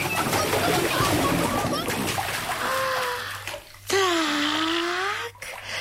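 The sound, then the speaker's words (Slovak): Water splashes and sloshes as an animal wades in, dipping its tail, belly and neck into the water to get rid of fleas, a busy wet churning that eases off, with a couple of drawn-out, voice-like tonal calls over the water. “Ponorím do vody aj brucho a blchy mi prelezú na šiju a keď si namočím šiju, blchy sa preškrabú do vlny, ktorú držím v papuli a...”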